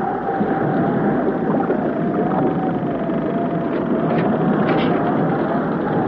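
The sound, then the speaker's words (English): Loud, unbroken rush of churning water and wind around a boat tossed at sea in a storm, with its motors dead and a steady droning hum running underneath throughout; no voices. “Is the storm getting worse, Jerry?”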